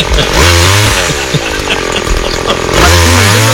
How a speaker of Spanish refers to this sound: Y se me corta la tanza con las malezas, se me corta la tanza. Bueno, ya está, apagamos la máquina